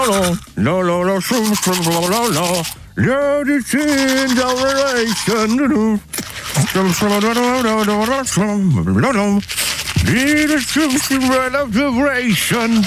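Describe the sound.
Steady scrubbing of a manual toothbrush runs throughout, overlaid by a loud voice humming or singing a wavering melody in several phrases.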